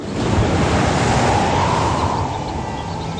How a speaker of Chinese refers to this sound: 晴朗的天气并不太久，没过一会儿，海面上便起了大风，海浪也掀起了巨大的波涛。